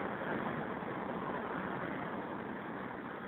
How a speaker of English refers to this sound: It's my favorite kind of payphone. Like out in traffic, practically in traffic, right on the curb. Northern Boulevard and 41st Street.